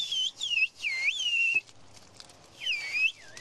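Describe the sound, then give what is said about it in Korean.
A woman uses whistled language to signal to someone while working on a hillside, whistling a sharp, high call in several sweeping phrases that rise and bend, with a short pause before a final call; the whistles carry loudly over a faint outdoor background. “아주머니가 휘파람을 부니까 저쪽에서 휘파람으로 답변이 왔습니다.”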